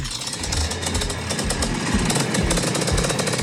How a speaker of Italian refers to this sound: Questo soltanto, solo i motociclisti possono capire questo rumore di una bellissima moto vintage, vecchissima.